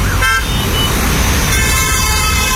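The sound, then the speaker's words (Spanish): Loud, steady city street traffic noise with a rumbling low roar, cut by a short honk early on and a longer car horn blast in the second half. “Es decir, en ruidos altos, por ejemplo, la avenida Goyeneche, la avenida La Marina u otros sitios, la avenida Independencia, donde hay mucho ruido,”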